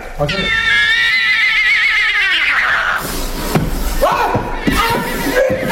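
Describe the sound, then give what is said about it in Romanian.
A loud neigh from a sick chestnut horse quavers and falls in pitch for about two seconds, then gives way to a busy, noisy background with indistinct voices and clatter. “Auzi, du-te tu la calul ăla roib, ăla de tot tânjești acolo.”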